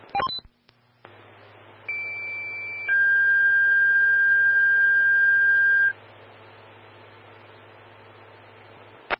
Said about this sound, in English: stand by for tones on an outside fire. Call 3.